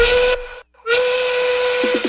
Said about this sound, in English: What's that sound? It's the Rail Yard work whistle.